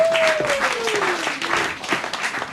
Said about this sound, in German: Und deshalb begrüßen Sie heute mit uns mit einem tobenden Applaus.